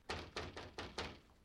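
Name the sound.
knocking on a door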